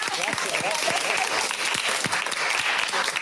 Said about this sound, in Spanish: Bueno, pero yo creo que el aplauso mejor es para los oyentes, que son los que nos han soportado también. Semana tras semana.